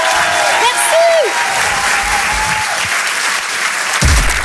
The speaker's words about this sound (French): Antonia de Rondinger, on peut l'applaudir merci, très, très, très, très merci, fort.